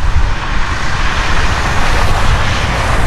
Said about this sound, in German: Ja, das ist leider nicht das Meer, sondern die Straße.